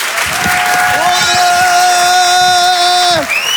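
An audience at the Rire et Chanson Comedy Club at the Grand Point Virgule claps and cheers loudly for a few seconds for comedian David Azria, a dense, steady wash of applause with sustained tonal notes riding over it before it cuts off.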